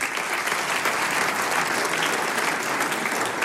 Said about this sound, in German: Jetzt darf ich den Hausherrn mit Applaus auf die Bühne bitten, den Herrn Bürgermeister von Fronleiten, Magister Johannes Wagner. Bitte sehr.